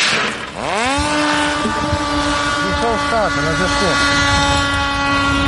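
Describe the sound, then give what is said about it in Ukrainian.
A small propeller engine spins up sharply into a loud, steady high-pitched buzz, with a second engine's whine briefly wavering over it, as Hornet strike drones with activated Starlinks are launched one after another from a catapult into the air outdoors. “Здіймаються з катапульти у повітря.”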